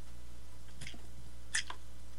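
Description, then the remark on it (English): A quiet sip of a drink: two brief, wet, hissy slurps about a second apart, with a faint click at the end and no talking. “Let me get a slurp here.”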